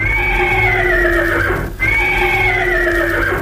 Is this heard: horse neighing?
yes